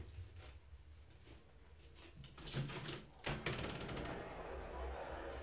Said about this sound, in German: Dachte ich, ich schlage meinem Hüstchen ein Schnippchen und mache ein bisschen das Fenster auf, aber es ist wahrscheinlich zu laut, ne?